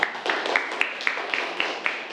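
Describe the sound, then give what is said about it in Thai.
Students clap together in a classroom in a steady, rhythmic burst, sharp hand claps landing roughly every quarter second, moderately loud, with no voices. “ดีมากครับปรบมือเลยครับนักเรียน”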